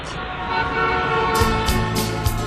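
Car horns honk over a steady rumble of busy road traffic: a sustained, layered horn tone at first, then several short, sharp bursts of noise and more honking toward the end.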